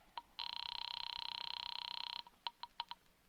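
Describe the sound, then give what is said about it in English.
A telephone line rings a Murray Hill number at an office, with a long, warbling electronic tone lasting almost two seconds, framed by a quick beep before it and a rapid burst of short clicks and beeps after, with no voices. “Ringing Murray Hill”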